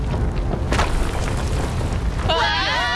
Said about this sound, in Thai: รีบไปเถอะห้องจะถล่มแล้ว